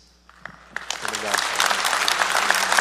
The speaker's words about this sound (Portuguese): Cadê a caravana que veio com o padre? Levante a mão, vamos aplaudir a caravana, Deus abençoe.